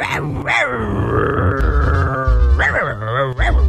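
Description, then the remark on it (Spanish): A dog growls and snarls loudly, with short harsh bark-like bursts at the start and end around a long, drawn-out rumbling growl, and no talking. “Me imagino el perro, ¿eh?”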